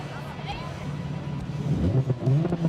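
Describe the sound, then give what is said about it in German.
An electric cafe-racer-style motorcycle with an active sound system accelerates, its synthetic engine hum climbing steadily in pitch and growing louder over a few seconds, with a faint voice-like murmur mixed underneath. “Ist ein super cooles Elektromotorrad, das einzige mit einem aktiven Soundsystem und einer richtig starken Beschleunigung.”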